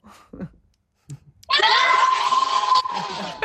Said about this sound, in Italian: Potete salutare, fate segno sì col pollice, salutateci, fateci sentire. Non li sentiamo. Ciao, fate un grido.